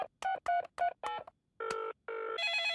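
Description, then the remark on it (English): In Peppa Pig, a telephone dials with four quick electronic beeps, then rings with two longer buzzing tones and a higher sustained tone as Peppa phones Susie Sheep, clear with no one talking. “Would you like to talk to Susie on the phone?”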